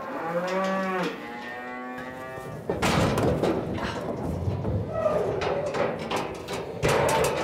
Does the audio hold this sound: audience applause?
no